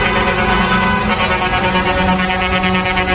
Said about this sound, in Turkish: Görüntüler Adana'dan. 8 kamyon şoförü bir çiftin düğün konvoyuna katıldı. Havalı kornaları da vardı. Andıl ve Şehit Hüseyin Soydan Caddesi'nde ilerleyen sürücüler kornayla çevreye rahatsızlık verdi.